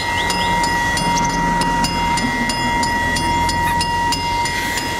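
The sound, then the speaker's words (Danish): A light-blue Hjem-IS ice cream van rolls past, its tinkling jingle ringing out over a steady rumble of engine and road noise, with regular clicking beats throughout and no one talking. “Ja, det er selvfølgelig sådan, det lyder, når hjemmesbilen den kommer forbi, og den lyseblå bil, den”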